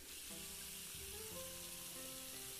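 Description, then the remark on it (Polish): A steady rushing hiss of water pours into a large pot being filled toward six litres, with a faint hollow tone that rises in pitch as it fills. It runs continuously, fairly quiet, with no talking. “Także wkładamy garnek i lejemy. Potrzebujemy 6 litrów, okej.”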